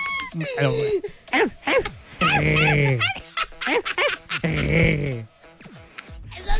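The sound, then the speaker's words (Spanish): A person imitates puppy kisses with a rapid string of squeaky, whimpering smacks and high yips, fairly loud, in irregular bursts. “Esos son besos de perrito, efectivamente.”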